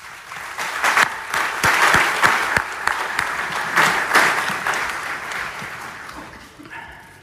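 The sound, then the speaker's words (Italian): A crowd breaks into warm, sustained applause to welcome the new rector of Federico II University in Naples, Andrea Mazzucchi, many hands clapping densely for several seconds before the clapping thins and fades out. “E allora, prima di iniziare il mio discorso, volevo con un grande applauso dare il benvenuto al nuovo rettore della Federico II, Andrea Mazzucchi.”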